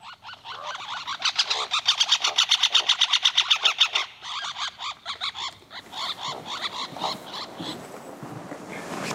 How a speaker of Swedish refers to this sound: Här finns flera inspelningar av trumning, drumming, men också andra läten, aggression call, interaction. En sorts interaktion mellan två fåglar på samma trästam. Men den var spännande.